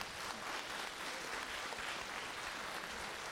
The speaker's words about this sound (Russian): Год назад, Казань, вот эти девчонки вышли на сцену и там такое сделали, что люди просто плакали и смеялись, потом долго-долго аплодировали. Я вас еще раз прошу, поаплодировать эту.